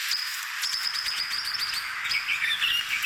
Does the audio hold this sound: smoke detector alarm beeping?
no